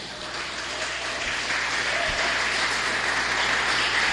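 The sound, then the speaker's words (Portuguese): An audience applauds Jesus in a sustained, dense wash of clapping that holds steady and grows slightly louder, with no voices over it. “Pode aplaudir Jesus.”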